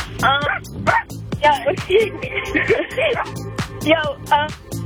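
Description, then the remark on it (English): Repeated sharp barks and yips burst out in quick succession, fairly loud, mixed with whiny, voice-like yelps throughout the short stretch; the sounds come from a cat in the background of a phone call. “Who's that barking in the background?”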